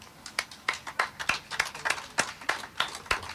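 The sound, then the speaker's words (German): Scattered applause from a small audience for the crew, with individual claps landing in an uneven, loose rhythm, fairly quiet, with no one talking over it. “Einen dicken Applaus an dieser Stelle an die Crew.”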